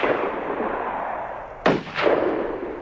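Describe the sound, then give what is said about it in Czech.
Two sharp gunshots are fired at a boat as men run to it and try to row away, each a sudden crack with a short trailing echo, over a steady rushing hiss that fills the background. “Pátku, pál na ten člun!”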